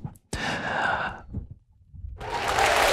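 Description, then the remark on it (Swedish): A burst of applause starts sharply, fades into a brief lull, then swells again into dense, steady clapping that keeps building to the end. “Och de applåderna var inte från kommunfullmäktige.”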